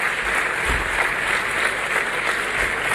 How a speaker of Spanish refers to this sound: Aplauden. No sé qué aplauden.